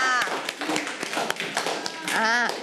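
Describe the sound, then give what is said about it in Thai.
A classroom of children claps for group 3 in uneven, overlapping bursts of sharp slaps, with children's voices calling out over the applause and rising toward the end. “ปรบมือให้กับกลุ่มที่3ด้วยค่ะ”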